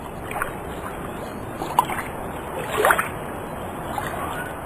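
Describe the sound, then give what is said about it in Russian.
Gentle, lazy sea waves lap against hot stones on a beach with warm, shallow water, in a steady watery wash, with soft splashes and a brief gurgling swell near the middle. There is no talking. “Ленивые волны неспешно накатываются на горячие камни.”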